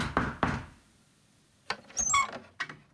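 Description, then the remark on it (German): Two firm knocks on a door in quick succession, followed after a short pause by a rattling, faintly squeaky handling of the door. No one speaks. “Und dann, an einem Tag, der eigentlich genau so war wie alle anderen, klopfte es an ihre Tür.”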